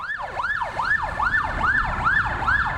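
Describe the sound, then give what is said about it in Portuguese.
A police car siren whoops in quick, repeated rising-and-falling sweeps, steady, over a low rumble of road noise with no one talking: a Delegacia de Capturas police vehicle arriving in Fortaleza. “O colombiano Marco Antônio Heredia Viveiros chegou a Fortaleza em uma viatura da Delegacia de Capturas.”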